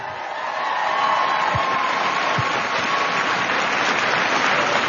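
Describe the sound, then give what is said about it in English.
A crowd applauds Commander Wiseman at an event in Washington, D.C. on a Saturday morning: steady, dense clapping rises quickly and holds at a loud, even level, with a few faint whoops and cheers scattered through it. “Another round of applause for Commander Wiseman.”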